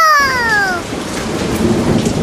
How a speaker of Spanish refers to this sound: Se desató una tormenta fuerte, fuerte como la de ahora, como la que estamos teniendo ahora en este momento.